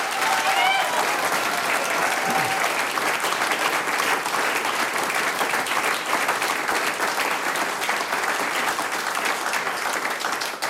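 A large audience applauds steadily for a performer at a live radio broadcast, a dense, loud wash of clapping that holds for the whole stretch with scattered whistles and cheers near the start.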